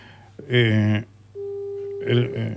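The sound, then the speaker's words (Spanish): A steady, clear telephone call tone holds for about half a second as a call is placed to a car wash, sandwiched between two short bursts of loud voices that cut in just before and right after it. “Estaban llamando yo a Eco Car Wash”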